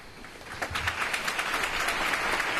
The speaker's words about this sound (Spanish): Una capilla ardiente y un funeral marcados por el silencio roto solo por los aplausos.